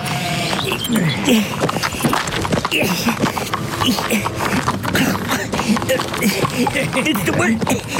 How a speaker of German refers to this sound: Es würde mir deutlich leichter fallen, wenn euer Pferd mal einen Moment stehen bleibt und nicht dauernd im Kreis laufen würde.